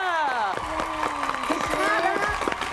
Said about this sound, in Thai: เน่เขาเสียงปรบมือ